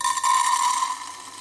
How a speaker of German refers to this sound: Und jetzt gießen wir dieses Getreide mal in dieses Gefäß.